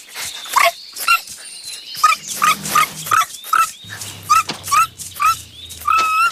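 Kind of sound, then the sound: animal, small dog barking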